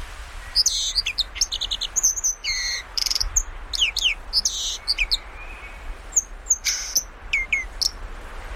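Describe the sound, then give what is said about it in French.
A song thrush sings loud, clear phrases in mid-June, among its last songs before it soon stops singing, each short motif repeated a few times in quick succession, with brief pauses between bursts and a soft background hum. No one speaks. “Et voilà, la grive musicienne, elle fait ses derniers chants parce que bientôt elle va s'arrêter.”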